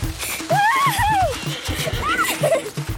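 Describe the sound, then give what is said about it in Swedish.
A horse gallops out through a school gate with a steady, quick beat of hooves on gravel, sending small stones flying, and two loud whinnies ring out over the hoofbeats. “red Pippi ut genom porten så att småstenen yrde om hästhovarna och skolans fönsterrutor skallrade”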